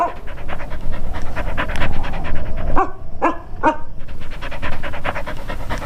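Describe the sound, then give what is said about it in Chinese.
A patrol team's dog pants rapidly and steadily, with a few short whiny yelps breaking in around the middle before the quick, breathy rhythm continues. “这是巡逻队的狗，我喂他吃过东西。”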